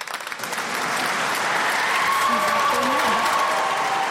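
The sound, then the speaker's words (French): Sustained, dense applause from a large audience in the cathedral of Limoges as the new bishop takes possession of the episcopal seat, starting with scattered claps and swelling into a steady roar in a reverberant space, with faint voices and a tonal sound drifting underneath. “Sous un tonnerre d'applaudissements.”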